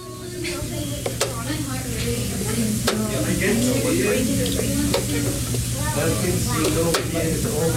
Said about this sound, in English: That's a chess timer, or clock. It helps ensure neither player takes too long. If one player runs out of time, it could mean they lose the match.